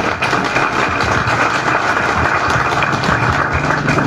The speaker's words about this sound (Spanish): Un fuerte aplauso para las nuevas autoridades.